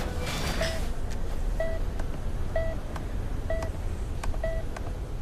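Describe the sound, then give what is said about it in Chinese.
A mobile phone sounds a repeating electronic call tone, a short two-pitch beep about once a second, heard over steady outdoor background rumble with no one speaking. “电话。 接。 我出去接。”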